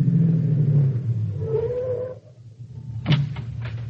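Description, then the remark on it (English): A car engine rumbles low and steady, then drops away to near quiet before a sudden mechanical burst and lighter rattling noise follow. No one speaks. “Stop the car.”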